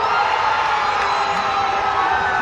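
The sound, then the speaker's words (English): A huge crowd of soccer fans at a FanFest in Toronto cheers loudly and continuously during penalty kicks in a Portugal match with Ronaldo, a dense roar of shouting and whooping that holds steady for the whole clip with no pauses. “I can tell you that I'm sure Ronaldo heard the cheers from Toronto Stadium because this is how loud it was.”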